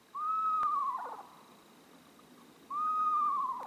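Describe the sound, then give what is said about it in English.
A screech owl gives two drawn-out whinnying calls, each a steady tone that quavers and drops at the end, separated by a pause, against a quiet background. “Screech owls, tiny, adorable owls, will happily raise their little ones in a nest box designed for them.”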